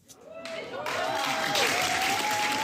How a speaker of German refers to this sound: Tosender Applaus für das Jugendtheater im Kulturverein Plattenlase im Wendland.